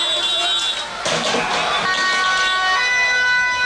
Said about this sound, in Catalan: La policia ha detingut diverses persones que corejaven consignes antisemites i feien salutacions hitlerianes i que s'han enfrontat, com sentim, als agents amb projectils i elements pirotècnics.